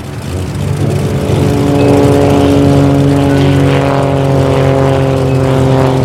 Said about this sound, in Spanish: Pero no se oyó el grito de la viejecilla. El aviador había escogido precisamente ese momento para despertarse y poner en marcha el motor.